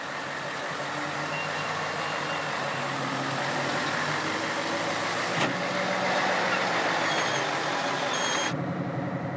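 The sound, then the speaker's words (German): A 75-metre heavy-transport truck combination, four times the normal length, heading for a wind farm, drives with a steady, low diesel rumble and a broad wash of road noise that holds level throughout, with faint tonal whines on top, before cutting off abruptly near the end. “Der ganze Lastzug ist 75 Meter lang. 4-mal so lang wie normal.”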